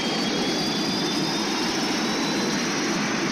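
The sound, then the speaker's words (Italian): Aircraft engines of Aquila 2-8 roar at full power as the aircraft loses power, a steady, loud, dense wash of noise with a faint high whine running through it, continuous, with no voices. “Stiamo perdendo potenza. Motori al massimo. Motori al massimo. Non rispondono.”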